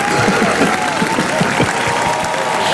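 A crowd applauds steadily, dense overlapping claps filling the scene, with a faint murmur of voices mixed into the clapping.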